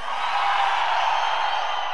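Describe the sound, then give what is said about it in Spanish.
A concert crowd of men shouts loudly together at the performer's request, a dense sustained roar of many voices filling the whole two seconds at a steady, powerful level. “A ver, aún un grito fuerte, los hombres.”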